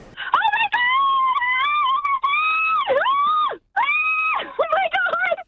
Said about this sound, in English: Ah, that was beautiful. Screaming at her. Well done.